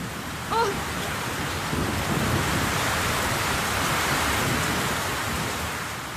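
Heavy rain pours down in a steady, dense roar that fills the whole recording at a constant loud level, with a brief faint chirp near the start.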